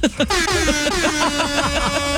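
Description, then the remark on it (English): A loud, sustained horn honk with a steady, buzzy tone, while voices talk underneath throughout the blast. “Somebody honk a horn. That's what I think that is.”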